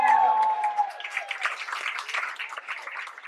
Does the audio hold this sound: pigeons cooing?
no